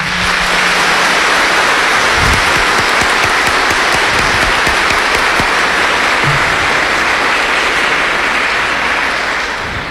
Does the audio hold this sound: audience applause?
yes